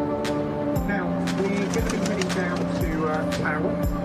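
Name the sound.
pigeons cooing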